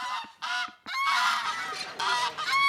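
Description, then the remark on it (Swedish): Several geese honk loudly in a rapid, overlapping series of harsh, nasal calls, with no one speaking, on a home property in a small valley just outside Jerusalem's city walls, where geese and pigeons are kept. “Själv har han byggt en liten barack till sig och sin fru där de nu bor. På området tillsammans med gäss och duvor.”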